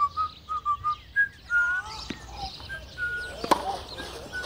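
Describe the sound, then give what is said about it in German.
Someone whistles a short tune, a quick run of clear, steady notes that gives way to quieter, wavering whistles, with a sharp tap near the end. “wenn du nicht sofort aufhörst zu pfeifen, schicke ich dich zu Bett.”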